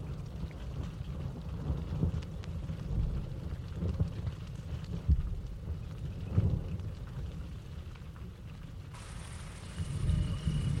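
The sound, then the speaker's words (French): Light rain beginning to fall, scattered drops pattering over a steady low rumble outdoors, with a thin high hiss joining near the end. “commence à pleuvoir.”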